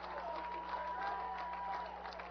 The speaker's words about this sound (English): And now the crowd makes a little bit of noise. A large percentage rise to their feet.